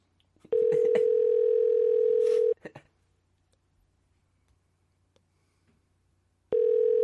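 A steady telephone dial tone hums for about two seconds, broken by a few quick dialing clicks and beeps as someone calls Ocean Way, a recording studio, then a pause of near silence before the tone returns at the end.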